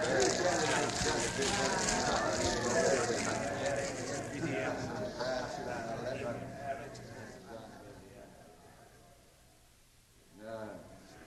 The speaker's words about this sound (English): As we approach the palace, we smell the curious odor of burning leather and hear the crackling of the flames. They're burning the magister's books already.